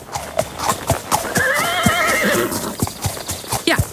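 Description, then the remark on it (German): A horse whinnies loudly in a long, wavering neigh, with hooves clip-clopping in a steady rhythm before, during and after the call. “Hört ihr das Pferdewirren in der nächsten Stunde nach 8 hier bei Radio Mülheim”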